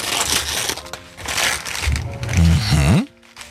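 Wrapping paper crinkles and rips in a steady run of loud, rustling bursts as a gift package is torn open on a radio show, with a short rising vocal sound near the end before it stops.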